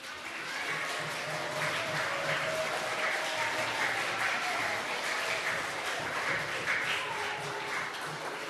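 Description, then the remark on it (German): An audience applauds steadily for several seconds to thank a speaker after a talk, a dense wash of many hands clapping at once, fairly loud and sustained with no clear break, a few faint voices mixed into the crowd noise. “und ich hoffe, euch hat es auch gefallen und mit einem kräftigen Applaus sagen wir einfach noch mal Danke.”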